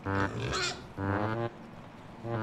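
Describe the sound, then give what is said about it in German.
A pig grunts in three separate bursts while grazing, each a nasal, harmonic oink lasting about half a second, moderately loud with faint background noise between them. “Also von daher muss man immer mal wieder nach dem Schweinchen gucken.”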